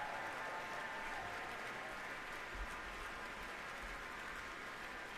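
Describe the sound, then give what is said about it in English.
A large audience applauds steadily in a reverberant hall at Powell Hall after an orchestra's performance of Pines of Rome, a dense wash of clapping that holds at an even level throughout without letting up. “And the applause is not letting up here at Powell Hall.”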